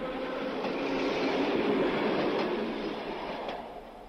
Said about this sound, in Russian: А когда электричка отстучала свое на стыках рельсов, оказалось, что пора идти пешком.